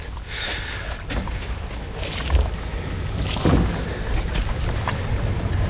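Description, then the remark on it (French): Steady wind rushes and buffets across the microphone outdoors, a continuous breathy roar with low rumbling gusts by a boat on open water. No one speaks. “Il y a un peu de vent.”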